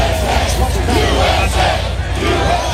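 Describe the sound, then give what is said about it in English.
A large outdoor crowd on Washington, D.C.'s National Mall, at the event for the nation's 250th birthday, chanting in unison even as they are told to evacuate due to approaching storms. A dense roar of many voices with rhythmic swells, loud and continuous throughout with no single speaker standing out. “Crowds chanting even as they're told to evacuate due to approaching storms.”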